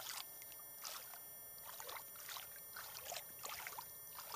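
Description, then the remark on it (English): Water runs and splashes steadily at a rock in Kamyai where the water is low, with soft rhythmic sloshing surges every second or so, moderately quiet, with no voices. “I'm gonna just fill the water. See how the water fills?”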